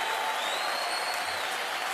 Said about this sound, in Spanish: Dale fuerte el aplauso a Jesús. Aleluya. Aleluya.